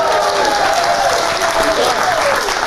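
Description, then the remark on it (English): An audience applauds steadily, a dense, even wash of many hands clapping at a fairly loud, constant level throughout, with faint crowd murmur mixed in. “You better clap, because this is her gift.”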